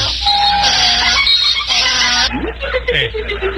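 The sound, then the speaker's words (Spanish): A loud donkey bray with harsh, honking hee-haw tones, starting high and strained, then breaking into lower, sliding groans over a few seconds. “¿me pone un burro, por favor?”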